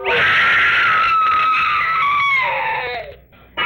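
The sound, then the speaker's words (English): A woman's loud, sustained scream, high-pitched and piercing, holding for about three seconds before trailing off, followed by a brief burst of noise. No talking. “Wish I never heard that scream.”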